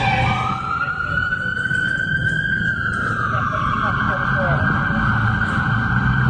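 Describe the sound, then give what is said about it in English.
A police car siren wails in a long, slow rising and falling tone, loud, approaching over a steady low rumble of traffic with muffled voices in the background. “That might have been a cop car coming that way.”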